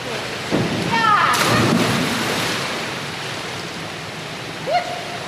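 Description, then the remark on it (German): A loud splash as a girl jumps from the tip of a three-metre springboard during diving training and plunges feet-first into a pool with her arms stretched along her body. A couple of seconds of churning, bubbling water follow and slowly settle, with a faint high call in the background. “Sie steht an der Spitze des Dreierbretts, springt mit Schwung hoch. Ihre Arme sind an ihrem Körper gestreckt und mit beiden Füßen voran taucht sie ins Wasser.”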